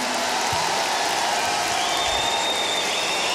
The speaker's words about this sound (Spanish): Yo les voy a pedir ahora también, a mí me gusta hacer esto. Yo les quiero pedir un aplauso para mis compañeros que están aquí.